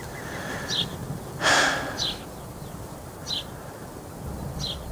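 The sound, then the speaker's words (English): A corncrake gives its dry, rasping call again and again at a steady rhythm over a low outdoor rumble with one brief louder rustle. “It's calling again.”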